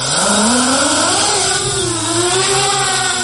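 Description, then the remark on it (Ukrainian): Loud whine of the small electric motors of an interceptor drone spinning up at launch over Kharkiv region, Ukraine, sent to hunt Russian drones; a continuous buzzing drone whose pitch climbs and wavers throughout, with no voices. “Воїн із позивним «Рембо» перевіряє дрон перед запуском у небо над Харківщиною”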